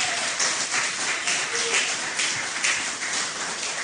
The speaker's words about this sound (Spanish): Dale un aplauso al Señor esta mañana.